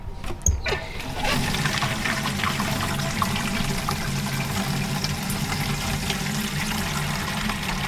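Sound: water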